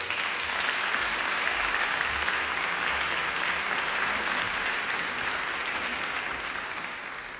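Sustained, dense applause from a sizable audience, steady and loud throughout before tapering slightly toward the end, with no voices standing out.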